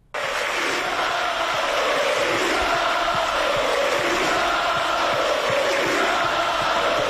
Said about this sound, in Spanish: La afición lo saluda para radio y él aplaude, saluda a la tribuna. Tímido. Se fue como un ídolo.